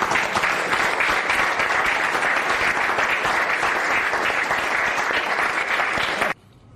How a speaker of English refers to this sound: Did you notice that it was Interior Secretary Doug Burgum who was clapping by himself before everyone else jumped in seemingly to not offend Trump?